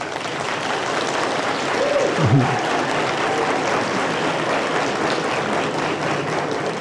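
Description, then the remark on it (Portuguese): Steady applause from an audience, a dense, even wash of clapping that holds at the same level for several seconds, with a brief faint vocal cry rising out of it partway through, applauding ESCS being the only teaching institution in the DF to receive a grade of 5 on the ENAMED. “Então, receber nota 5 no ENAMED e saber que é a única instituição de ensino do DF que recebeu essa nota, merece realmente aplausos.”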